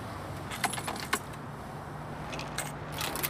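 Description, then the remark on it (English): Keys jangle in a few quick, bright metallic bursts as they are handed over, with short pauses between shakes. A steady low engine hum runs underneath, as if inside a car. “Give me the keys.”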